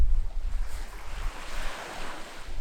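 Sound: waves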